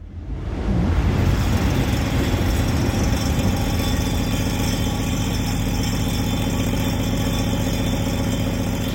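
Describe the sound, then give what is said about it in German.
An art object by Jana Debroth called Scheppernder Tisch (rattling table): a train rumbles past with a loud, steady, dense roar and a rattling, clattering texture, as if shaking a table. The sound swells in over the first second, then holds constant without any voices. “Scheppernder Tisch heißt das Ganze und ich glaube, wir haben da die Bahn, die da vorbei brettert, gehört.”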